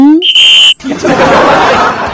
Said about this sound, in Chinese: 导播老师朝你吹口哨了，你注意你的语气。